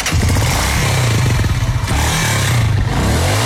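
A motorcycle engine, just after its exhaust leak was repaired, runs loud, a steady throbbing rumble with a metallic rattle, its pitch dipping and rising slightly as it idles. No one speaks.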